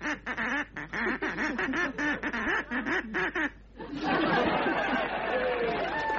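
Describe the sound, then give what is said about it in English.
A voice imitating a duck quacks in a rapid, jabbering run of nasal squawks for a few seconds, then a live audience breaks into loud chatter and laughter. “What did he say then, …?”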